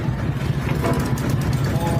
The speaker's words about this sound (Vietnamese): Sông Cần Thơ phảng phất hơi nước, tiếng máy ghe nổi giòn trong sương sớm, vài chiếc ghe chở đầy dưa hấu, khóm, bí đỏ lặng lẽ xuôi theo con nước.